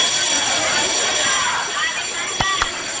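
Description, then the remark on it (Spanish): A loud electric school bell rings steadily, a harsh, high metallic clang filling the whole stretch, with a busy murmur of voices beneath and two sharp knocks near the end. “Pero sonó la campana.”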